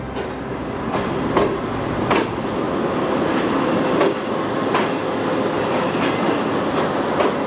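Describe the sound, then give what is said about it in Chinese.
A Fuxing high-speed train on the Beijing–Zhangjiakou high-speed railway in China roars past the line's landmark herringbone-shaped track, a steady, loud roar broken by regular clacking beats from the wheels roughly every second. No voices are heard. “113年后，京张高铁上的复兴号从它那标志性的人字形轨道呼啸而过。”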